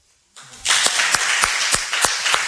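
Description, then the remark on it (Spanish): An audience at a live radio broadcast from Cuyás breaks into steady applause after a brief quiet moment, the dense clatter of many hands holding loud and even for a couple of seconds, with a few sharper individual claps standing out. “Para que la gente no crea que estamos aquí solitos, ¿por qué no aplauden?”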